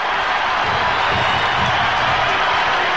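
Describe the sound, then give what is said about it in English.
A large baseball stadium crowd, on its feet, roars and cheers in a steady, loud wash of noise that holds for the full three seconds without any break or single voice standing out, with bases loaded, two outs and a full count, Mariners up by one. “Crowd on their feet.”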